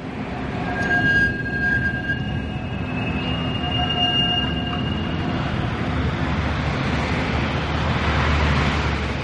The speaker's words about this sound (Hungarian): Éjszaka. A villamosok csilingelnek.